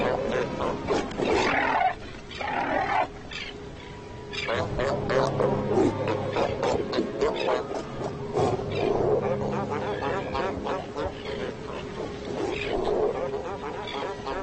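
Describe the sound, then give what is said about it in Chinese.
Loud, continuous bellowing and growling roars from several large animals, overlapping in bursts over a noisy colony background: fur seal bulls clashing at the edges of their territories. “但是有时候这还不够，海狗们在领地边缘擦枪走火的事情也时有发生。”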